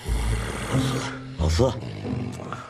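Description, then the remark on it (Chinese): A man snoring loudly with deep, rattling rasps while getting a massage during a meeting: one long rumbling snore, then a shorter harsh snort, and a softer breathy rasp fading out at the end. “听到打呼声，江一楠又停了下来。”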